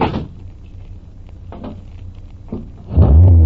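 A car is started to back out of a driveway: a few soft clunks and clicks give way to the engine roaring to life, revving loudly with a deep, rising growl at the end.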